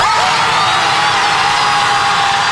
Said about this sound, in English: How long do you think they go screaming? Oh my gosh. Wow. I don't know. Are they falling? Too long.